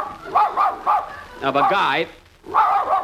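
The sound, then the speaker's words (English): A dog barks loudly: three quick sharp barks, a drawn-out whining yelp, then another burst of barking. “Madam, must your dog bark when I'm talking?”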